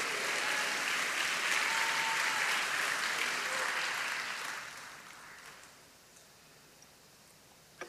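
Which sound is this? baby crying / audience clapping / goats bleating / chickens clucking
audience clapping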